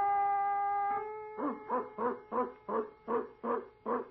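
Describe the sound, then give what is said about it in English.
A sustained, steady tone gives way to a quick run of about eight loud dog barks in an even rhythm, with no talking. “Presto changeo, mosquito. Be a dog.”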